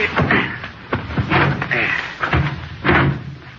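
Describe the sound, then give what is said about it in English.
Several heavy thuds of a car door slamming shut, fairly loud, spaced irregularly over a few seconds, with muffled voices and movement in between as people get aboard the car. “Well, somebody open the door. All right. Yeah, get aboard.”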